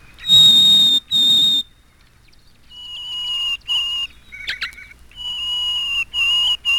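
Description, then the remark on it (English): A Harris's sparrow song: a series of single, clear, sustained whistled notes on a few different pitches, each held about a second with brief gaps, loud, with no talking. “The next bird to appear in this first movement is the Harris sparrow. He sings single, clear notes on different pitches.”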